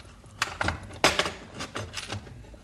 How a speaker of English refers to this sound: Come around to the back here and let's take a final check. Now, plain, ordinary door with the padlock. We unlock it.